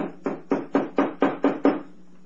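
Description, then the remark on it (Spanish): A steady series of about seven firm knocks on a door, evenly spaced and fairly quick, each with a short hollow ring-out, heard alone without any voices. “Han llamado a la puerta y Solín se estremece.”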